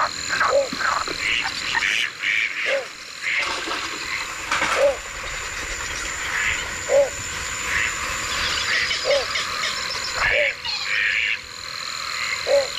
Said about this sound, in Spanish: seguimos en el Ullal Valdoví, pero al caer la noche, que es esa hora del cambio de guardia, donde los últimos sonidos del día dan paso a los primeros de la noche. Se van los patos y suena la noche.